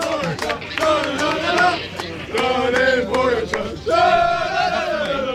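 A crowd of cycling fans cheers Tadej Pogačar as he gives statements after finishing third in the stage, shouting loudly and continuously, with overlapping yelling voices swelling in waves and some rhythmic chanting, without clear individual speech.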